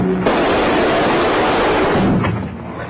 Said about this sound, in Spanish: Pronto, tengo que llevarme el dinero, hijo ya, antes de que vengan a ver qué fueron los disparos.